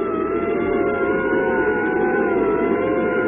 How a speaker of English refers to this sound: But this member wasn't as encouraging as the rest. He followed us with his siren blaring. It was an ambulance.